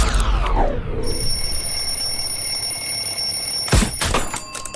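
An alarm clock rings continuously with a shrill, high, steady tone, starting after a short sweeping whoosh, with a couple of dull thumps near the end and no talking.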